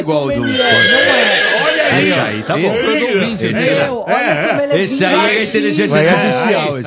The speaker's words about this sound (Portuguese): Entra o quê? Entra o cavalo.